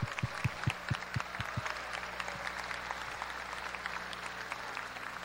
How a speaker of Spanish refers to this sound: Por eso, quiero que le demos un fuerte, fuerte aplauso a nuestra gobernadora y a todo su equipo de trabajo.